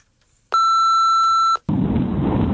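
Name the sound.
voicemail beep tone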